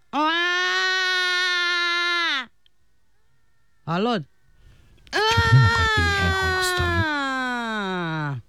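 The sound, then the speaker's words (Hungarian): A voice imitates a crying baby with three loud wails: a long steady one, a brief sharp one, then a long wavering cry that slides downward in pitch, with a short spoken word between them. “Én tanítsalak sírni? Na, így kell, figyelj.”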